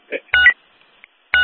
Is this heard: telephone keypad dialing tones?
yes